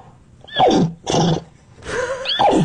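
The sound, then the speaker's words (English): A woman wearing a horse head imitates a horse's whinny in three loud, quavering bursts, each sliding down in pitch, with short gaps between them and no ordinary talk. “It's a woman who identifies as a horse. The horse. Speaking horse language, which she calls nay.”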